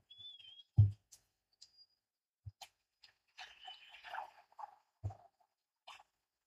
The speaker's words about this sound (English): And the referee whistles. The game ends.